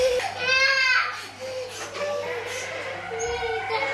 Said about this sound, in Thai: สามใจแข็งฮะรอจนลูกหยุดร้องนี่สำคัญมากครับข้อนี้นี่ปล่อยเลยปล่อยให้ลูกร้อง